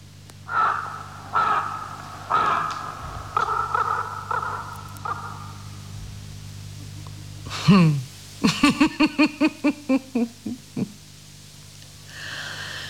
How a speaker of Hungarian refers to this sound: Maga a holló is rekedt, mely falaim közé károgja Duncan végzetes útját.